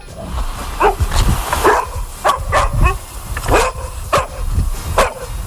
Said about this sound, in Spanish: Y tiene como protagonistas a nuestros amigos los peludos, a los perros, esos seres de cuatro patas que tanta compañía y tanto bien nos están haciendo.